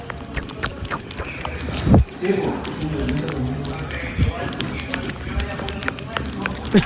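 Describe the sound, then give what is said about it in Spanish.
A kitten licking in an ASMR video: soft, wet smacking and squishy clicks in a quick, uneven rhythm, with a couple of louder thumps, over a steady background hiss. “Está langueteando ahí.”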